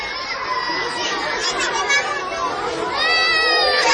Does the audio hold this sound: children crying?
yes